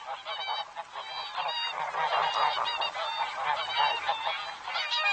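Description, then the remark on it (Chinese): A flock of whooper swans calling together in inland Sweden in cold weather, a dense overlapping chorus of bugling honks that carries on steadily throughout, fairly loud with no speech. “陪伴他们的还有成群的大天鹅。”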